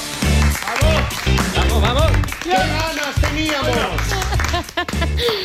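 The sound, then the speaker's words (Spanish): A studio audience on the show A la Cara applauds loudly and steadily for several seconds to welcome a guest, the clapping mixed with excited voices and a pulsing, music-like backing throughout. “En tu vida te han recibido así en un estudio. En mi vida me reciben un montón de veces así.”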